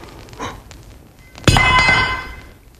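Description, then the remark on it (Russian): A fireplace poker clatters to the floor with a sharp metallic clang, its bright ringing tone hanging and fading for about a second. A faint softer knock comes just before it. “Господи, какой я неловкий. Упала кочерга.”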